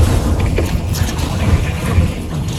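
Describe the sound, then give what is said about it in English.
A steady, loud roar of wind from storm Isaias buffets the microphone with deep rumbling gusts at the shoreline, while the hiss and wash of crashing waves churns underneath without a break. “The waves are kicking up like crazy. Holy cow, look at that wind, dude.”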